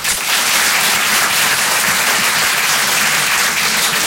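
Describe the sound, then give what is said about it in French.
A large audience applauds steadily, a dense, continuous wash of clapping that stays loud and even for the whole stretch, with no voices standing out. “J'aime bien ce moment-là parce que je regarde tous ceux qui applaudissent pas qui disent putain ils sont nombreux les autres, hein.”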